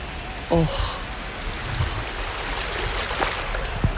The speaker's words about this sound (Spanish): Me voy a intentar acercar a la orilla para que podáis escuchar el mar desde Madrid.